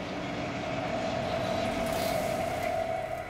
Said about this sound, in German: Das Obergeschoss, S-Bahnen aus dem Osten kommend, halten in der kleineren Halle.